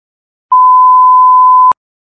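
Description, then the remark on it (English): A Cleveland Division of Fire dispatch alert tone for a box alarm: one loud, steady, pure beep held for just over a second, clean and alone, ending abruptly with a slight click, with silence before and after. “Box alarm.”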